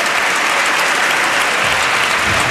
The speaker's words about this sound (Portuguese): Também agora aplaudido José Pedro Aguiar Branco. Daqui à meia-noite, comigo o Parlamento sempre. Aplaudido pelas bancadas do PSD e do CDS, mas também por alguns deputados do Partido Socialista